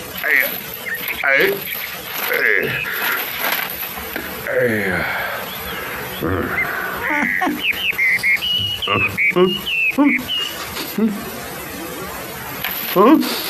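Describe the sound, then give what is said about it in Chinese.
A woodpecker's rapid, ratchet-like pecking rattles in quick bursts, mixed with whistly bird calls and cartoonish vocal exclamations, all fairly loud. “啄木鸟啊！我把鼻子包起来。”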